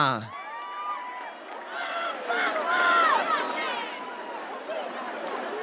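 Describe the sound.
A large crowd cheers and whoops loudly, with many voices overlapping in a sustained roar over a continuous wash of clapping, steady for several seconds.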